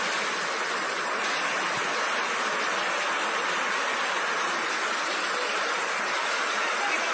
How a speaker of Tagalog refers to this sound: Sus, grabe ang tubig. So na kang tubig tagilapaw, oh.